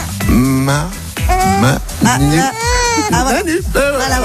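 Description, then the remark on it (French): A two-month-old baby girl cries loudly into a microphone on a bus in a run of wavering, high-pitched wails with brief catches of breath between them, filling the whole stretch without pause. “C'est honnête, on n'avait pas eu de bébé dans le bus encore.”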